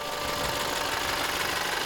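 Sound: school bus engine idling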